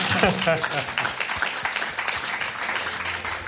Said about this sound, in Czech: My mu tleskáme.